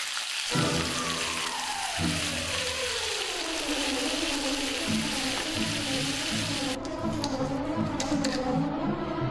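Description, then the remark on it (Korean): Webfoot octopus boils in a pan with a steady, loud, crackling hiss like rain or frying, and low bubbling tones pulse underneath for the whole stretch. Nobody speaks. “쭈꾸미가 보글보글 끓어오를 때 저는 그때 되게 초조하거든요.”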